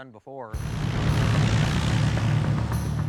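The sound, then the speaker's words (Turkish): A brief voice, then a small airplane's propeller engine roars, a loud, steady droning hum with a rough low throb that continues to the end, as the aircraft, call sign 66 Tango Sierra, is ready for takeoff. “Kule 66 Tango Sierra uçak kalkış için hazır.”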